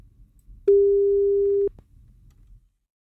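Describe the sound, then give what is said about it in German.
A single telephone ringing tone as a radio host calls the winner of a concert ticket draw: one steady, mid-pitched electronic beep lasting about a second, loud and clear over a low background hum, with no talking. “Klingelt's bei dir?”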